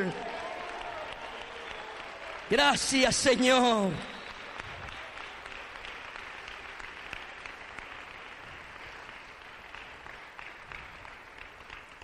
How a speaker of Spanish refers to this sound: Oh, un aplauso de júbilo al que anda en medio de las 7 iglesias, el que está en medio de esta congregación. ¿Cuántos le aplaudimos a Él?